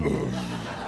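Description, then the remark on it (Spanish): A small, low burp, a short throaty rumble lasting under a second and fairly steady in loudness, with no talking over it. “Pequeño eructo.”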